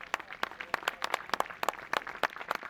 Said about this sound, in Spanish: La afición del Colunga le despidió con aplausos cuando abandonó el campo.